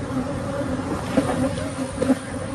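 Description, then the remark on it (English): A dense swarm of about 24 million agitated honeybees, released when an 18-wheeler truck ruptured 406 hives in a Texas neighborhood, drones continuously, a thick steady buzz with a few individual bees zipping louder past, with no voices present. “This is the truck and then all the bees, the sound of it.”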